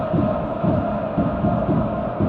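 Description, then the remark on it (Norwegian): The Klanen supporters' group chants "Elsker Vålinga" steadily in a stadium during an Eliteserien match against Ålesund, a loud massed roar of voices with a pulsing, rhythmic beat recurring about every half second, no single voice standing out. “Elsker Vålinga, roper, eller synger klanen.”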